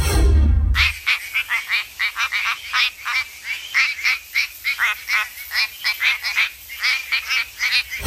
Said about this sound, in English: This is the quacking frog Quacking frog from WA.